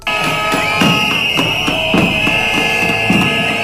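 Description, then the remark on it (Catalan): A crowd, including public education teachers and health workers' groups, whistles loudly and continuously in protest at Feijóo's arrival in Sueca, a shrill sustained piercing tone, punctuated by steady rhythmic thumps about twice a second. No one speaks. “A més de xiulada, han rebut a Feijóo a Sueca professors de l'educació pública que mantenen les mobilitzacions després de la suspensió temporal de la vaga indefinida i col·lectius sanitaris.”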